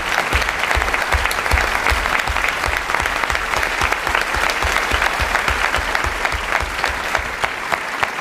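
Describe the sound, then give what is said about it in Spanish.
An audience applauds the performers at the end of a staged play, steadily for several seconds, a dense wash of many hands clapping at an even, sustained loudness, with no voices rising above it. “Gracias a todos por este aplauso”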